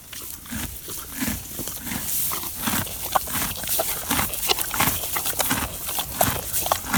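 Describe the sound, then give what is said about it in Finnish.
A steady run of hollow hoof clops on a hard surface, evenly paced, repeating throughout with no voices, over a soft background hiss. “Ja sitten hevosiin liittyen tuli myös kavioiden kopsetta ja sitten tämmöistä.”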